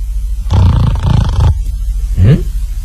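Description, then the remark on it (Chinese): A male storyteller mimics a person's loud snoring: one long, rattling, throaty rasp for about a second, then a pause and a shorter snort that rises in pitch. “他在这坐着，听着旁边有人打呼噜。”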